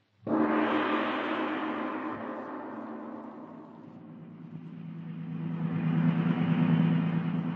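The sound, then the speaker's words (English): A car engine starts up and runs steadily with a low humming drone, easing slightly before swelling louder again as the vehicle drives along. No voices are heard. “The car's ready, Smith.”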